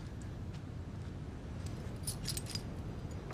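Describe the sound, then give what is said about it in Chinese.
Keys jangle in a quick cluster of bright metallic clinks, rattling over a low steady background rumble with no one speaking. “我只能不注意把钥匙偷回来了，快放你们出去，赶紧回家。”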